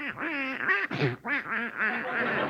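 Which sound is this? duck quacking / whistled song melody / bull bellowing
duck quacking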